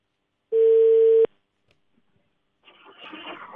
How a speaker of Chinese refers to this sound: 电话正在接通当中，